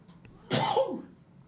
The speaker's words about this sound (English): You didn't need to hear that in the full. It's a full force. Bless you.